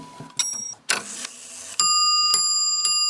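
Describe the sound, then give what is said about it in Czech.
An old clock mechanism by a Prague clockmaker, in Velké Meziříčí, Czech Republic, clatters and whirs into motion with ratcheting clicks and a rushing gear noise, then sets off several bright, ringing chime strikes that sustain and overlap, loud. “Roztáčí se strojek.”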